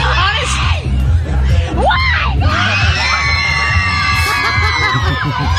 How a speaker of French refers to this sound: Alors, il y a des fans qui gueulent derrière elle.